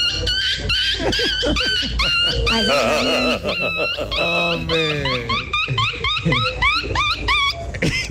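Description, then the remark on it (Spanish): A person loudly imitates a squealing little dog as a hidden talent on Tropicana, with a string of high, wavering yelps and whines, briefly interrupted by a spoken word. “Buenos días, mi talento oculto es el perrito chillón.”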